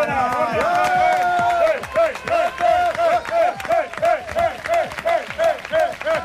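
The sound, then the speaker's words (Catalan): A studio audience claps along in a steady rhythm while voices chant over it in repeated bursts, loud, continuing for several seconds. “Demano un fort no, aplaudiment.”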